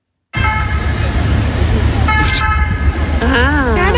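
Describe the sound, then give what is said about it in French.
A three-tone emergency ambulance siren, the kind generally used by the SMUR to signal absolute emergency, blares loudly over a low traffic rumble, holding steady pitched tones that shift partway through, then breaking into a rapid wavering wail near the end. “Et ça, en général, c'est utilisé par le SMUR. Pour et vraiment, là, ça veut dire urgence absolue, poussez-vous, quoi.”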